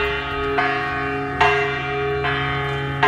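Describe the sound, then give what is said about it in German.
A large bell in an art installation at the Venice Art Biennale, with Austrian artist Florentina Holzinger hanging from its bottom, rings out in steady, repeated strikes, each a bright clang followed by a long, humming resonance that overlaps the next, loud with no voices. “Ja, ist erstmal eine Glocke, ne?”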